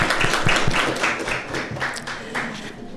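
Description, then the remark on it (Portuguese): A crowd applauds the Brazilian Navy steadily, many hands clapping in a dense, continuous patter with a few sharper claps standing out, the sound holding loud for the whole stretch before easing slightly at the end. “Muito obrigada e uma salva de palmas para a nossa Marinha.”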